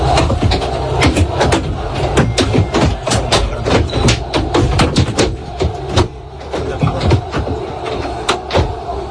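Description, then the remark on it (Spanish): Objects thrown at the Real Madrid team bus as it arrives at Camp Nou strike it, heard from inside the bus: a rapid, irregular barrage of sharp bangs and thuds, some louder than others, over a steady low engine rumble, with no one speaking. “Son 8 segundos nada más, los ha facilitado el club para que vean cómo suena de dentro todo lo que le va cayendo al autobús.”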